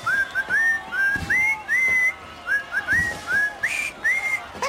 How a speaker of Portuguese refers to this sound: Então vou assobiar os parabéns ao Portugalex que faz os anos.